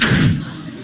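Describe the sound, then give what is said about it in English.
A single loud allergy sneeze bursts out with a sharp airy blast, then trails off quickly into a softer breathy tail. “They can't stop sneezing.”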